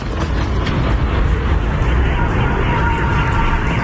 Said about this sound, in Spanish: Es el sonido de los ataques y horas antes estos ataques con drones ucranianos dejaban al menos 12 muertos